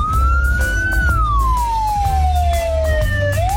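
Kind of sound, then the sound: vehicle, ambulance siren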